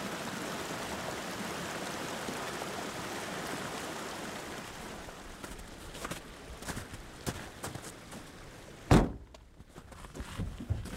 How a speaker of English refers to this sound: And streams swollen with melting snow cascade down the mountain.